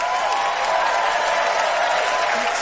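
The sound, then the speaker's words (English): A studio audience claps and cheers loudly, a dense, steady wash of applause with whoops rising above it, sustained throughout without pause. “And the crowd goes wild.”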